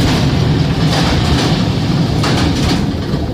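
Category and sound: vehicle, train arriving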